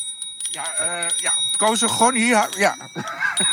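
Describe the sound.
Bicycle bells ring steadily in the background, a thin high-pitched jingle running through the whole moment while several voices talk and call out loudly over it.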